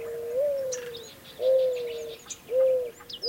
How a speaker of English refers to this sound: This is WSHU's Bird Song Break. This week's bird is the mourning dove.